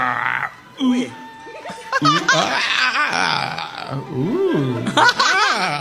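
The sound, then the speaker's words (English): A man grunts and groans in strained, uneven bursts, his voice rising and falling in pitch, with laugh-like and burp-like vocal noises mixed in. The sounds are loud and nearly continuous. “he's grunting, groaning.”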